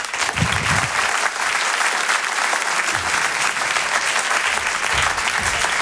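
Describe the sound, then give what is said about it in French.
A large audience applauds loudly and steadily as Tristan Lopin is introduced to come on stage, a dense wash of clapping that stays at full strength throughout, with faint murmurs and a few low voices underneath. “Je vous demande de l'applaudir très fort.”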